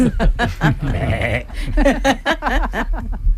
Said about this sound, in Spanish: ¿Y la cabra lo bien que lo ha hecho?